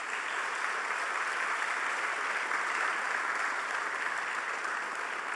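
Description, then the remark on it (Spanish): Sustained audience applause for the Comité Municipal de Defensa de Bienes Comunes y Públicos de Tocoa, a nominee for the Juan López award: a dense, steady wash of many hands clapping at an even loudness for several seconds with no voices above it. “Un aplauso para ellos.”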